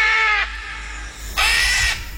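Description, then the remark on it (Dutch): Two loud, raspy squawks from a green-winged macaw, a parrot, each about half a second long with a short pause between them; harsh and bleating like a panicked sheep, with no one talking. “Het is een papegaai, een groenvleugelara.”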